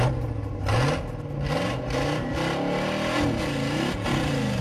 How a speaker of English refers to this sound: All right, it's time to start your engines.